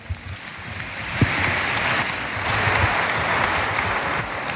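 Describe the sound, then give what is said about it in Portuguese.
An audience claps for a band in a dense, continuous patter of many hands, holding a fairly even loudness throughout with no voices heard over it. “Mais um aplauso para a Tuna.”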